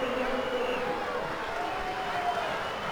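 A football crowd chants a song in unison, a broad, steady roar of many voices with a sustained sung melody carried over dense crowd noise for the whole stretch.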